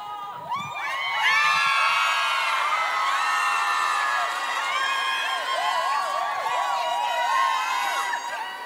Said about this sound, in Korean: 대한민국에 정말 수많은 직업들이 있지만 물 마실 때마다 느낍니다. 가수가 진짜 최고구나. 물만 마셔도 소리 질러주시고 환호해주시고 이런 직업이 어디 있습니까 세상에.